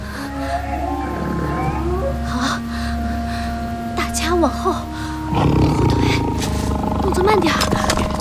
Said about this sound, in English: 什么声音？啊！老虎！真的假的？